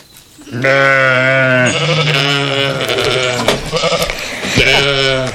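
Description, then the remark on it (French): A ram bleats loudly, a long quavering baa followed by more wavering bleats, with a final shorter bleat near the end. “Aujourd'hui, nous allons parler de l'élevage des moutons. Notre invité est le bélier Tricot.”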